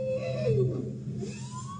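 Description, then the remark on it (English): A bowhead whale gives a deep, moaning call with tonal sweeps that rise and fall, recorded underwater by hydrophone in the Arctic, with a steady low hum and hiss in the background, lasting under two seconds. “That's a bowhead whale.”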